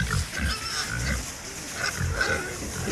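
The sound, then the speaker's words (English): Pregnant sows on a farm grunt and snort repeatedly in low, rumbling bursts, several animals overlapping with a steady background of rustling and squeals higher up; no one speaks. “Hello, piggies. How are you all?”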